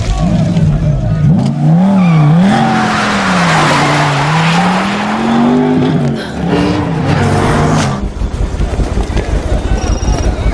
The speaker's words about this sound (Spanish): ¿Qué tan veloz es este auto? Dímelo tú.